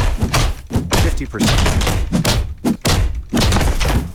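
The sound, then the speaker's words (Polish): Wooden planks being smashed, with a rapid run of loud thuds and cracking impacts packed together over a few seconds, broken by brief pauses. “Jednak trzeba było porozwalać te deski.”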